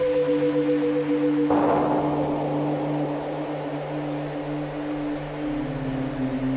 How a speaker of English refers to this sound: There's this again. I don't know what this is. Like, sounds like a cattle whip or something.